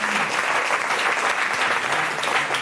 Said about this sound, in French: Applaudissements pour nos décodeurs et décodeuses.